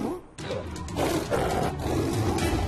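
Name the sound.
lion roaring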